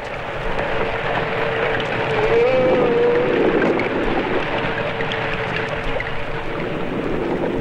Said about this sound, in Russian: В звуках подводного мира разобраться так же трудно, как и в обычном лесном гамме. Нелегко здесь выделить отдельных солистов.